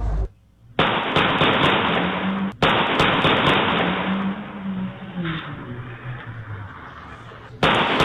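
A few sharp gunshot bangs crack out irregularly over a steady, muffled street noise, with a low engine hum drifting underneath, recorded by a street security camera around 6 in the morning during an attack on a couple inside a car. No talking.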